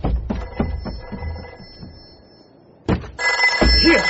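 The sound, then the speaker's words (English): A telephone upstairs in a house rings steadily for a few seconds, a bright continuous trill over a series of heavy thumps, before it cuts off and a burst of louder clattering noise follows. “Right. The phone. Where did I leave the phone? Upstairs. I'm coming.”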